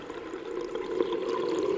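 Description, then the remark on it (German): A muffled, steady wash of water with a low rumbling hum and soft bubbling, like being submerged, continuous and even throughout with no voices. “Die Kinder erinnerten sich später an nichts mehr, denn sie wachten auf unter Wasser.”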